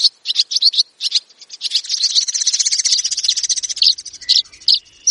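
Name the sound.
birds calling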